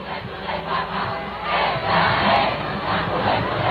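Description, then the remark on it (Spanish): A huge crowd of more than 650,000 young people cheers and chants as the popemobile carrying Pope Leo XIV arrives, amid applause and a sea of Spanish flags, a dense, continuous roar of many voices that swells in waves, loud and enveloping throughout. “Entre aplausos, cánticos y un mar de banderas de España, el pontífice rompió el ritmo previsto de la jornada para acercarse a los fieles y saludar uno a uno a quienes llevaban horas esperándole.”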